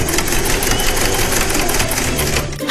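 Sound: sewing machine stitching clothes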